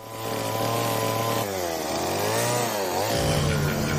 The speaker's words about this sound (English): His canvas? Trees. His brush? A chainsaw. Safety goggles? Required.